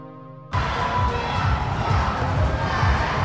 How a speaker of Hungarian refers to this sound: Dübörgő bíztatás, labdapattogás, sípszó. A körmendi sportcsarnokban nemzetközi kosaras csapatok mérkőztek.